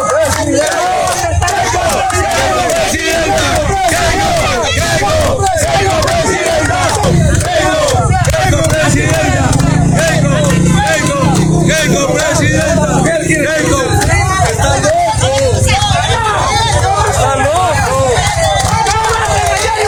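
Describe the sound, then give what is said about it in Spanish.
A large crowd of people in the Amazon region shouts and chants loudly and continuously, many overlapping voices forming a dense, roaring din that holds steady throughout with no pauses. “La gente le salió a gritar.”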